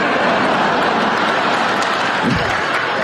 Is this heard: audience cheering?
yes